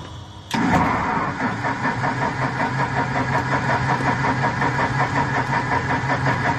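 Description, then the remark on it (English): The propeller engine of a restored 1960s–70s military aircraft coughs into life on its first start after a brief quiet moment, then runs loud with an uneven, pulsing chug, as if reluctant to settle. “The engine is less than enthusiastic.”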